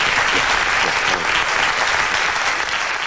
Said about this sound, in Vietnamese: Dạ, cho một tràng pháo tay.